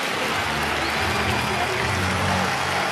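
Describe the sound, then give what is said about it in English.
A dense, steady roar of White Sox baseball fans cheering and clapping after a base hit in the ninth inning, a crowd thinned by rain, loud and continuous for the whole stretch, with faint voices buried in the din. “The ninth continues for the White Sox, and these fans, and it's the smallest crowd of the series, a lot of that due to the rain, they're going berserk, almost as if they expect it.”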